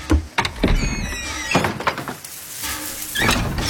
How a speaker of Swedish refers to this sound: Dörren öppnas. Jaha, det är väl bara att gå ombord då.